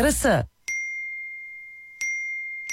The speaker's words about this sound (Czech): Čekaj, čekaj, eksplodirat će mi telefon. Svi mi nešto javljaju.